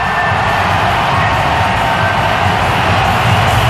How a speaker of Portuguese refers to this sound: Pedem aos adeptos para gritar o máximo possível. Está uma barulheira agora no estádio em Toronto.